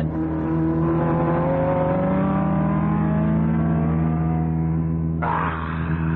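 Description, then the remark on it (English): A loud racing engine revs up steadily, its whining pitch climbing for several seconds before the tone shifts abruptly near the end as the racing car roars past, overtaking another car. No voices are heard. “He's going to pass you. Impossible. Not only possible, but there he goes.”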